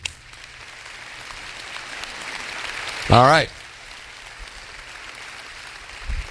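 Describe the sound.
An audience claps for couples married more than 40 years who stand, in a steady, even wash of applause that carries through the whole moment, with a man's voice briefly speaking over it midway.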